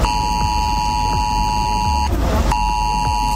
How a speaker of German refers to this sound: Der Warnton soll auf den meisten Handys ankommen, auch wenn sie auf lautlos sind. Heute um 11 Uhr wird das getestet am deutschlandweiten Warntag.